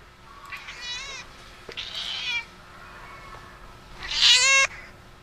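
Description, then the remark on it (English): A cat meows three times in a row, drawn-out, the last call the loudest and most strained, with faint background hiss between calls and no talking. “I'll leave you with some meows.”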